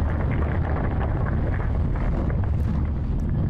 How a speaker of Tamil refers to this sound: ஏதோ நில அதிர்வு மாதிரி இருக்குது கவனி. ஆமா கர்னல் சார், ஏதோ பூகம்பமா? இல்ல இல்ல, இது வேற ஏதோ நினைக்கிறேன்.